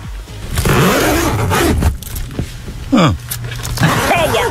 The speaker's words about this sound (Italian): Zip. Una zip.